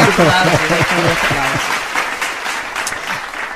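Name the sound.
applause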